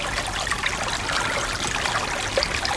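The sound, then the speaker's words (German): A babbling brook flows steadily, its bright, bubbling trickle of water continuous, with no voices present. “So ein Bach.”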